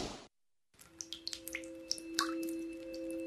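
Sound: dripping water faucet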